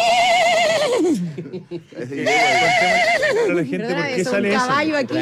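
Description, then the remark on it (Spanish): A person vocally imitates an old engine starting up, producing wavering, whinny-like pitched sounds in two bursts that come out sounding more like a horse neighing than a motor. “¿Lo que quisiste hacer realmente era un motor, no era un caballo?”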